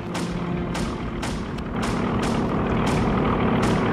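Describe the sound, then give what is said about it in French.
A dense, roaring drone of American warplane engines builds slowly in loudness, with a regular pulsing throb about twice a second, as the planes descend close overhead. No voices are heard. “On entend déjà les avions!”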